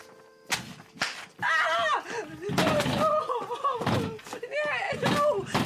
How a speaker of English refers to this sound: Why did you hit me? Why did you slap me?